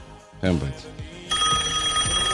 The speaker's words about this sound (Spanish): Espera, que tengo una llamada. Espera un poquito.